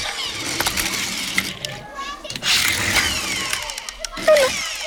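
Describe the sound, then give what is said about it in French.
A toy car engine sound effect revs and whirs steadily for several seconds, fairly loud, with a brief rising whine near the end. “Mon doudou est peut-être en train de jouer aux petites voitures.”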